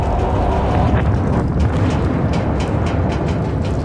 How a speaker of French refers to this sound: 11h29, le 12 août, la coque de tous ces bateaux tremble. Une explosion vient d'avoir lieu en mer de Barents. 2 minutes et 15 secondes plus tard, à 11h31, une deuxième explosion, au moins 100 fois plus puissante, secoue la mer.